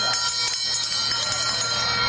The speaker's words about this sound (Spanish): Con el sonido de esa campana arranca la segunda carrera del día, 1.800 metros de distancia, el premio Las Dunas Shopping